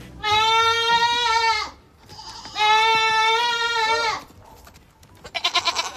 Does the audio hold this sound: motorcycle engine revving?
no